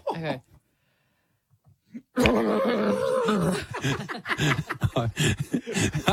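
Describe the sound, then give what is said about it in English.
A human voice imitates a horse trapped in a plastic bag, with strained, wavering whinnying and rough, breathy rasping over about four seconds, followed by choppy bursts of vocal noise and chuckling. “I would like you to give to me a horse trapped in a plastic bag.”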